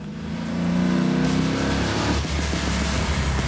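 An old car engine revs up and accelerates, a low rumbling drone with a rising harmonic whine in the first seconds, then settling into a steady, loud roar.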